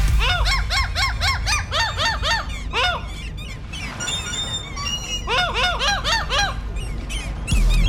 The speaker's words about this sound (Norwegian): Ja, litt tricky kanskje, men vi har altså fått en måse til å lage lyder, og så er det rett og slett en poplåt som gjemmer seg bak disse lydene.